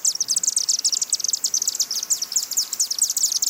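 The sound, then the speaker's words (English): Rapid, high-pitched twittering from chimney swifts nesting in the old brick chimney of a home in Tuxedo in spring, a dense continuous chatter of many overlapping chirps with a slightly hollow, enclosed quality, steady throughout. “They had chimney swifts, a threatened migratory bird species, and they like nesting in old brick chimneys.”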